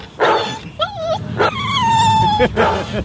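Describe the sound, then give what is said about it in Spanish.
A dog lets out a few sharp barks mixed with drawn-out, high-pitched yips and whines, loud and excited over a low background rumble, played over the radio. “Los perros que están escuchando o están cerca de la radio, ¿cómo deben alterarse y traumarse con ese sonido, perrini?”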